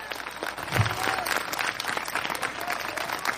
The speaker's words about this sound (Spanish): Dele fuerte ese aplauso al Cristo en la gloria.